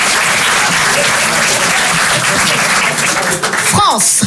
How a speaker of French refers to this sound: Voilà. Voilà. C'est des applaudissements.